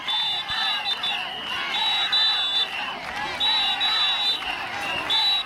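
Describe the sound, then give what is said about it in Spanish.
A crowd of about 250 health workers protesting outside the Hospital Universitario de Melilla shouts and chants together in a continuous, rhythmic roar, including 'Ingesa abusa' and calls for the management's resignation, with shrill whistle-like tones rising above the voices in repeated bursts. “Con los gritos de Ingesa abusa o a esta dirección se le pide dimisión, que han llegado hasta las calles aledañas al centro, unos 250 sanitarios se han concentrado para mostrar su rechazo a la imposición con la que denuncian que el Ingesa ha planteado”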